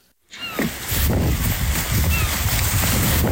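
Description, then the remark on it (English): Wind gusts steadily across a harbor dock in Kodiak on a windy Tuesday, with a low rumbling wash of water and boat noise and a few faint, high cries. No one speaks. A fisherman is organizing his boat, a 42-foot seiner called the Agnes Sabine, ahead of salmon season. “It's a windy Tuesday down at the dock in Kodiak,”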